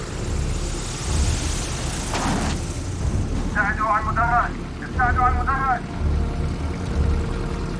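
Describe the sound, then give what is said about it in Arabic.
A propeller airplane rumbles steadily as it lands on a runway, its low engine roar filling the scene while a couple of voices call out briefly in Arabic over the noise; a lamp is lit as the landing signal. “اشعلوا مصباح هناك. اعطي اشارة هبوط.”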